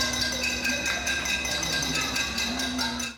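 A dense, continuous clatter of pots and pans being banged by residents at a nighttime protest over power outages in Havana, Cuba, with bright metallic ringing tones and rapid overlapping strikes holding a steady, loud level throughout, no voices standing out.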